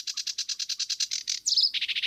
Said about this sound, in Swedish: Vi har en som sitter ute i vassen här som heter sävsångare. Det är ju väldigt tacksamt att ha dem för de sjunger i princip hela sändningen.